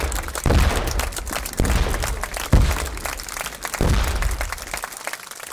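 Swedish gunners fire their cannons one shot after another, four heavy blasts spaced about a second apart, each followed by a rumbling, crackling tail that keeps the air busy between shots.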